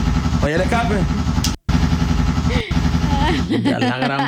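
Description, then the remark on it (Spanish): A six-speed motorcycle's engine roars, its exhaust droning loudly and steadily with a few brief drops like gear changes, while voices talk over the engine noise. “Oye el escape.”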